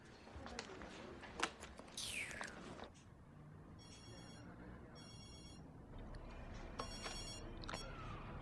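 A telephone rings in three short, bright trilling bursts, repeating at a steady rhythm over a low background rumble, with some clattering and a rising whoosh just before.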